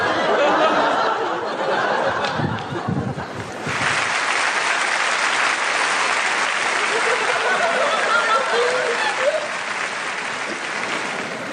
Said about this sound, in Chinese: 感谢大伙儿的掌声鼓励， 谢谢您各位吧。